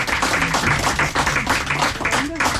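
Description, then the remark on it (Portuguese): A crowd applauds steadily on the TV show Estrela da Tarde as a guest artist is welcomed, dense overlapping claps at a fairly loud, even level, with a few voices calling out underneath. “E merece palmas, não merece?”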